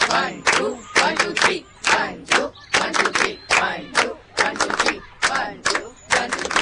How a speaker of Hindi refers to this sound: बाकी हम सब तालियों की एक मधुर ताल बजा बजा कर बीच बीच में संगीत देंगे। मतलब कैसे? हम ऐसे ताली बजाएंगे ना, एक दो तीन।